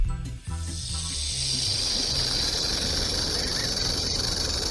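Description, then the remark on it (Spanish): An eerie, steady hiss rises after a brief low rumble and holds unbroken for several seconds, bright and airy, with a faint droning murmur underneath and no voices. “Como un siseo ahí.”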